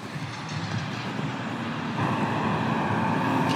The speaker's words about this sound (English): I love you as much as this trash truck rumbles.